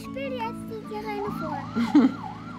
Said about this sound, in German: Die Feuerwehr von dir ist voll laut.